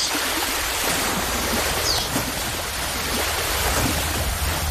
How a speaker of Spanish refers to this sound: Imagina que estás en el mar y corres libre por la arena. Brincoteas al momento que sientes cómo la brisa acaricia tus mejillas y te invita a soñar despierto. Las olas hacen su triunfal entrada.